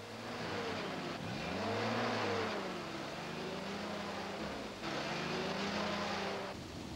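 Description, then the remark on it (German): A taxi from Ashinoko drives along with a steady engine hum, its pitch rising and falling as it accelerates and shifts, broken by a brief dip before the motor picks up again. “Das ist ein Taxi aus Ashinoko.”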